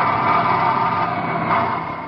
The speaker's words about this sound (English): Well, my dad works in the airplane assembly line there in Texas. Sure would like to hear the sound of all the work going on in the plane factory.